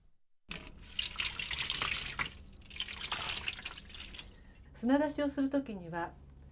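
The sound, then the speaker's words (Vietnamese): Water runs steadily from a tap into a basin for several seconds to soak live clams, a hissing splash, then stops as a voice speaks briefly at the end. “Trước tiên thì chúng ta phải ngâm ngao sống vào nước để chúng nhả hết cát và sạn.”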